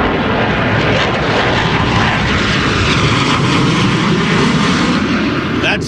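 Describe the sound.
Two propeller planes at an airshow roar loudly overhead in a sustained, dense engine drone that fills the air for several seconds, with a faint voice underneath.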